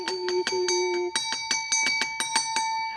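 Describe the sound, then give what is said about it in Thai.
A bright bell rings rapidly and repeatedly on a Thai TV legal-advice show, shaken to signal that a viewer has sent in a question; a continuous jingle of quick strikes with long ringing tones, loud, with no talking. “กระดิ่งดังอีกแล้วแสดงว่ามีท่านผู้ชมถามคำถามอีกแล้วค่ะอาจารย์คะ แปลว่าทุกคนที่มีปัญหามาที่นี่ได ้มาสั่นกระดิ่งค่ะ”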